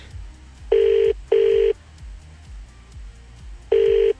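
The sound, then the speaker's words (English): A call from a Samsung phone ringing out unanswered: a pair of steady electronic ring tones, a pause, then another ring starts, loud with faint background hum. “Did none of your friends pick up?”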